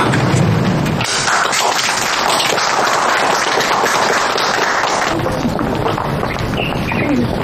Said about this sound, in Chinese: 为了我们工作组的全体成员，起立，鼓掌。